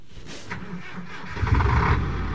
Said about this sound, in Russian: Большой автотранспортный цех гудел огромными автомобилями БелАЗ. Одни заезжали в ремонтные боксы, а другие выезжали исправно на линию.